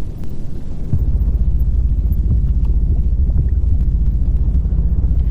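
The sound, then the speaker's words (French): A deep, continuous underwater rumble dominated by low, throbbing tones, with a brief dip before the sound swells and holds steady. Faint scattered crackles flicker above the heavy bass. “L'océan est un monde de bruit.”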